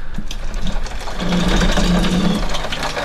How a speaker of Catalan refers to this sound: Vinga, això és un aiguat que està caient en aquests moments a Barcelona, que m'està picant l'aigua a la finestra, cosa que mai passa aquí.